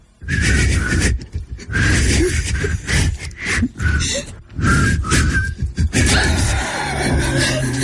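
Two people whistle a pop tune, breathy and airy, with thin wavering notes that break off in short pauses and sound more like blowing than clean whistling.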